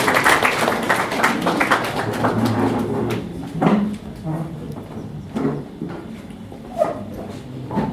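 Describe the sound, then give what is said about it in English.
An audience applauds to welcome the representative of the Principal Secretary, State Department for Justice, Human Rights and Constitutional Affairs, in a dense burst of clapping that thins out after a few seconds, leaving scattered claps, murmurs and a few sharp crowd noises. “Please, may we clap for her, she comes to you.”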